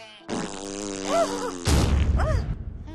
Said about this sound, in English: The skunk farted a big pink fart.